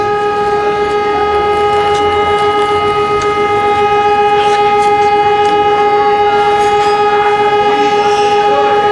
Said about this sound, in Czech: Zvukom sirene, tačno u 20 sati i 55 minuta, Tuzla je ponovo zastala u tišini i sjećanju na 25. maj 1995. godine, kada je na kapiji ubijena 71 mlada osoba.